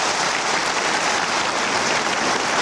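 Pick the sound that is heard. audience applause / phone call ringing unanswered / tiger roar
audience applause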